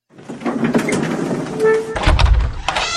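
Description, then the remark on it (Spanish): A door is opened to let people in, with a sliding, scraping rattle and mechanical clatter, ending in a deeper low thud as it swings wide, moderately loud. “Baja rápido y ábreles la puerta.”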